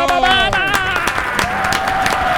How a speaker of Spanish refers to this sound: Este aplauso de los tres es el aplauso de toda la gente, llegando a casi 2 millones de personas con la Radio Caracol.